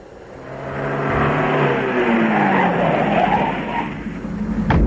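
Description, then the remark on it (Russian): A car engine hums steadily as the car drives slowly back to town, its pitch sliding downward as the vehicle slows and rolls to a halt, with a soft tire scrape near the end and no voices. “Мы медленно поехали обратно в город.”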